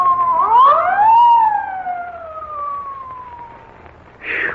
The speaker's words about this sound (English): there's a police car coming up.